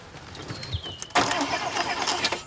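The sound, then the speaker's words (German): A car engine cranks without catching: a thin whine first, then a loud, rough, sputtering churn for over a second that never settles into a steady idle. No one speaks. “Setz dich mal rein und starte. Ich? Ja, du. So? Springt der nicht an?”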